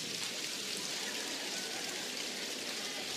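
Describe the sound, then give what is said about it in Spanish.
A crowd taps three fingers against their palms to imitate heavy rain. The dense, steady patter stays even and fairly loud throughout, with no voices. “Tres dedos, miren cómo la lluvia más intensa, miren.”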